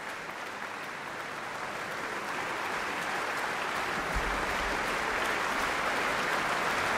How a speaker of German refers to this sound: Das Orchester steht noch und nimmt den Applaus entgegen.